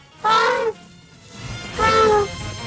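An elephant trumpets twice: two loud, brassy, tonal blasts, each about half a second long and slightly falling in pitch, separated by a short pause, with no voices.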